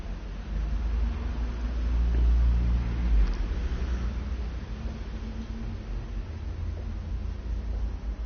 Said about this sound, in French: Un scooter blanc. Plusieurs voitures. Un taxi avec une galerie.